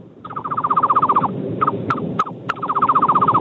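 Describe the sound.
A person whistles a rapid, rhythmic bird-like trill, pauses for a few sharp chirps and clicks, then resumes the fast warbling run, loud.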